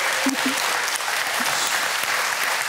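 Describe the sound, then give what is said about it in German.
A TV show's studio audience applauds steadily for all the prize-draw winners at home, a dense, even wash of many hands clapping at a constant loudness, with a few faint vocal murmurs underneath and no speech over it. “Schicken wir doch mal allen Gewinnern einen Applaus nach Haus.”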